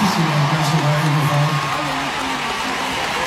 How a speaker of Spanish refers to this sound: Ahí le agradece a Coque Muñiz la gente, bueno, la ovación en todo el Auditorio Nacional, todo excelente